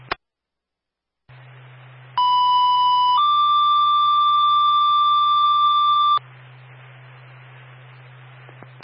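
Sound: fire dispatch alert tone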